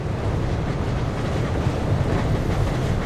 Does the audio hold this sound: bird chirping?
no